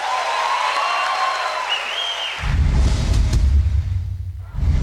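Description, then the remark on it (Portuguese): A live audience applauds and cheers, opening with high whistles over a steady crowd wash before a louder, fuller burst of clapping and roaring swells in and carries to the end. “Mais aplausos.”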